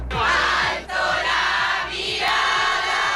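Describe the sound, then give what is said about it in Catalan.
A large crowd of faithful outside the Palace cheers and chants loudly to welcome the Pope on his arrival, a dense roar of many voices with rising swells of shouting, sustained throughout without pause. “Fora del Palau, la Guàrdia Real l'ha rebut amb honors d'estat i una multitud de fidels l'ha aclamat a la seva arribada amb càntics i deixant clares les ganes d'escoltar el missatge del pontífex.”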